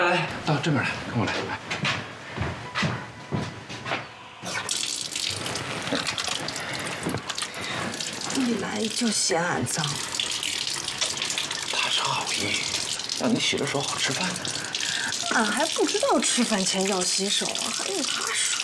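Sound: water running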